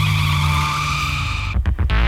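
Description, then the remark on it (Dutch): A racing motorbike engine screams at a steady high pitch, then drops off in a few sharp bursts as the throttle is blipped, loud with no one talking. “En als je dit geluid hoort, ja, heerlijk is dat, hè? Kijk, heb ik het gevoel dat je bijvoorbeeld op een motor zit.”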